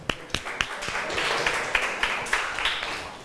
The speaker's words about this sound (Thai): ขอเสียงปรบมือเป็นกำลังใจให้เพื่อนจากกลุ่มที่5ค่ะ